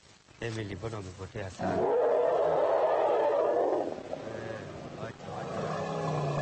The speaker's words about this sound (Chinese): 这时艾米丽和小象发出了一阵吼声，这叫声似乎很熟悉，我们来看一下声谱图。曲线呈中型，这应该是问候。